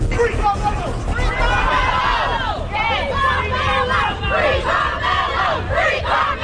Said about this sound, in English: That's the crowds outside of a Collin County courthouse, and they're reacting to the verdict in the Carmelo Anthony trial.